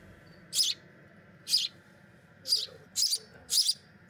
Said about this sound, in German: Diese Spatzen sind erst wenige Wochen auf der Welt.